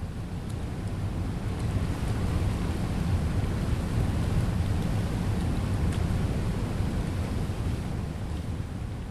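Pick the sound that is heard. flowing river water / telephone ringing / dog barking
flowing river water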